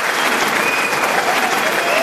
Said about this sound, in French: Standing ovation, des tonnerres d'applaudissements, le public est debout pour l'acclamer.